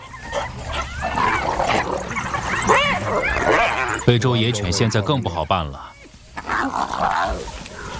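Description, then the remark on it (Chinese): Spotted hyenas, four of them, call over and over to summon group members after finding food that is easy to take: a dense, overlapping chorus of rising whoops, yelps and whiny giggles, fairly loud, with barely a pause across the whole stretch. “班猎狗一旦找到容易得手的食物，就会发出叫声召唤同伴。”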